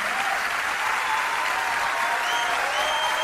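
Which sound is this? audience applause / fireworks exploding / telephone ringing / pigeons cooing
audience applause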